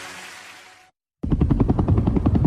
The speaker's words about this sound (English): It was the sound of a helicopter in the distance, and I knew it was looking for me.